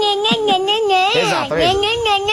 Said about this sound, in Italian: sapete che c'è anche quella versione aggressiva dello gnè gnè. Mandagli la versione aggressiva.